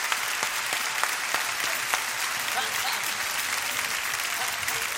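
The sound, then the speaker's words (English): A crowd applauds steadily, clapping to Jesus, dense clapping at moderate loudness with a few sharper individual claps standing out early on, no voices clearly heard. “Well, somebody clap to Jesus tonight.”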